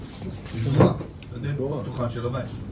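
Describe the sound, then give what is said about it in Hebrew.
A bathroom door, blown by the wind, bangs once with a dull thump, then someone talks over the quiet background noise that follows. “אני שומע דפיקות דלת של השירותים אולי.”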